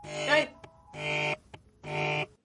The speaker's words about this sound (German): Telefon!